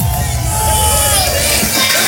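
A loud, dense wash of crowd noise fills the whole stretch, like an audience clapping and cheering together, steady and close with no clear pauses.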